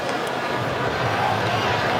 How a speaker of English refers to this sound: By the way, the groans you just heard from the crowd here in Seattle is because of the update on the big screen. And I'm seeing that Belgium has taken now a 2-0 lead, which is not what the Pharaohs are hoping for.